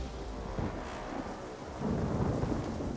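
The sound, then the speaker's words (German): Heavy rain, hail and stones pelt down on rescue workers during a mountain rescue as the weather turns, in a dense, steady roar with deep rumbling underneath, swelling louder toward the end as the downpour intensifies; no voices are heard. “Die Ereignisse überschlagen sich, das Wetter schwenkt um. Starkregen, Steine, Hagel prasseln auf die Helfer nieder.”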